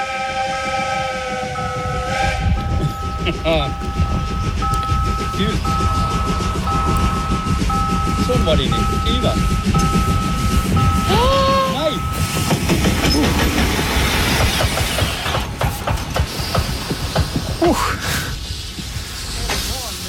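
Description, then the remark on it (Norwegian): A vintage train rumbles and clatters loudly as it approaches, with sustained high squealing tones that waver and cut off as the driver emergency brakes after a car crossed the track right in front of it, recorded in a mobile phone video. Muffled voices are heard underneath. “Ja, en lokfører måtte nødbremse toget sitt etter at en bil rett og slett gønnet på rett over sporet, rett foran da et kommende veterantog.”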